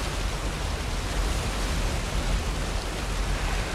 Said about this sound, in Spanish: Una cascada cae por una pared de roca. La cascada alimenta un gran estanque.